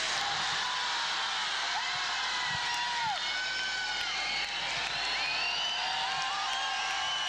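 A festival crowd applauds steadily and loudly, a dense wash of clapping threaded with sharp rising and falling whistles and scattered cheers that carry on without a break.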